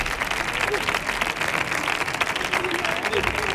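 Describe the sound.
A crowd applauds steadily, a dense, even wash of many hands clapping at the same loudness throughout, with faint voices mixed into the noise.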